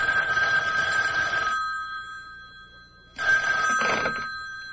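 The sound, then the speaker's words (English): A telephone rings twice, each long bright ring separated by a pause of silence. The ringing is fairly loud, with no voices. “Then he crossed to the public phone to make a call.”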